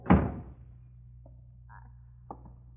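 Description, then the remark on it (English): A door is shut during a snowstorm, with a single heavy thud that rings out briefly, followed by a low steady hum and a couple of faint clicks, like a latch settling. “Close that door”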